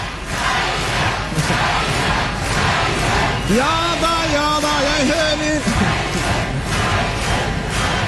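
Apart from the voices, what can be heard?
crowd shouting a name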